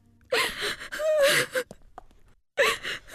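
A woman sobs in gasping bursts, her breath catching between wavering cries, with a brief quiet pause before another shaky sob.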